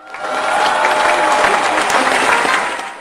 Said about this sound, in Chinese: 让我们掌声有请艾克博士。